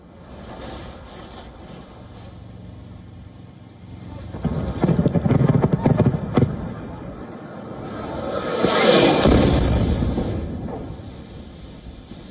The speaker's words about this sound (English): Another video posted on social media showed people running the moment a drone hit the Ukrainian capital.